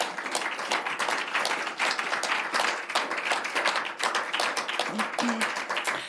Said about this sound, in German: Einen herzlichen Applaus bitte.